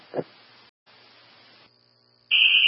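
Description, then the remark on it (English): After a stretch of crackly, band-limited radio hiss, a loud, piercing fire alarm tone suddenly blares and holds steady through the last half second, dominant. The alarm was set off accidentally from a pull station, with no fire. “Yeah, let's silence that alarm.”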